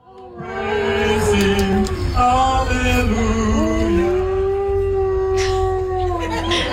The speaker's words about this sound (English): A lady is there with her dog. I think it's a husky. And he just starts howling. Every time he starts singing.